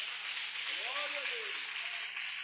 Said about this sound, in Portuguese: Diga aleluia, Jesus. Palmas para Jesus aí, igreja.